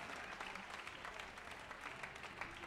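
Steady audience applause for the pianist after a solo at a concert, a dense crackle of many hands clapping at an even, sustained loudness throughout, with no voices rising above it.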